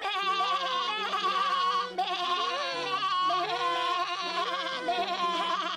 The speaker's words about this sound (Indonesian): Mendengar suara dari kambing kecil, serigala itu langsung menghampiri. Ahaha, ada banyak anak kambing di luar sana.